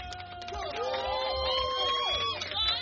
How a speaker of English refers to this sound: The crowd went wild with cheers.